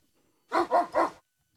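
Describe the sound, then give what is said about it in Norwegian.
A dog barks three times in quick succession, fairly loud, with silence before and after and no other sounds. “Det var hundebjørn. Det var riktig, du hørte lyden.”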